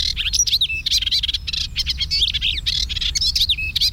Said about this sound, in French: l'hippolaïs polyglotte, qu'on a rencontré souvent avec son chant aussi particulier.